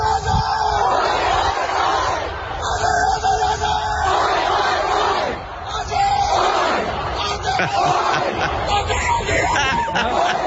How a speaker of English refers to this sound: You hear that, bloke? That's fantastic. You hear that bloke yelling out, Aussie, Aussie, Aussie. He was gradually dying after the game, but he got there.